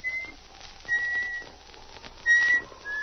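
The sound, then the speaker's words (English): A person whistles a few short, bright phrases of a tune, with brief pauses between them, while walking home in the evening through the shadows of spruce trees. The whistling is fairly soft, with no talking. “He missed the comforting companionship of his dog as he walked through the shadows of the spruce trees and began to whistle to keep up his courage.”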